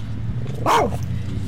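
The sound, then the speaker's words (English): A single sharp bark from a small black-and-white rat terrier chihuahua, clear, rising briefly over a low steady background hum with no talking. “He's a rat terrier chihuahua, and he doesn't let people get too close to me.”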